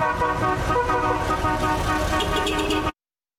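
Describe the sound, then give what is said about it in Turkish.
The horns of a group of 18 classic cars honk together in a city in a loud, sustained blare lasting nearly three seconds, their layered tones overlapping before cutting off abruptly into silence. “Klasiklerin korna ve motor sesleri şehre uzun süre silinmeyecek çok özel ve renkli bir hatıra bıraktı.”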